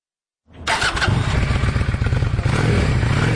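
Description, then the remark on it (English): The engine of a brand-new, pewter gray Honda Shadow cruiser motorcycle cranks and fires up after a brief silence, then settles into a loud, steady idle with a rapid rumbling pulse, with no voices. “She used to ride behind her partner, but this year, at age 55, she got her own motorcycle permit. She has a cruiser. It's a Honda Shadow.”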